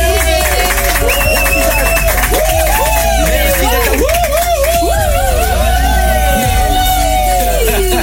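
A lively studio crowd cheers and whoops over steady applause, voices rising and falling in excited calls throughout, loud and close, filling the whole moment without pause.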